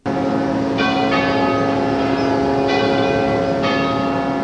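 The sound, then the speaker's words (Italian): Church bells across the whole diocese ring out steadily at 11:36 during a minute of silence marking the eighth anniversary of a viaduct collapse, their sustained metallic tones layering together with repeated strikes about once a second, loud and resonant with no voices present. “Alle 11.36 il minuto di silenzio, accompagnato dal suono delle campane di tutta la diocesi e delle sirene delle navi presenti in porto.”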